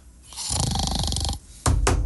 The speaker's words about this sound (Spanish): ¡Está bien enrolada! Nomás tiene puro ronquido.